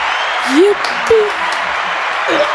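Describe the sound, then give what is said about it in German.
A steady wash of audience applause for the hosts after they played along in a game fills the whole clip at an even, fairly loud level, with a few short rising vocal whoops poking out over the clapping. “Vielen Dank, dass wir mitgespielt haben und jetzt erstmal einen Applaus für uns.”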